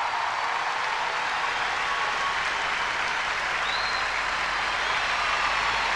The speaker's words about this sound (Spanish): …, señores, un aplauso para ellos.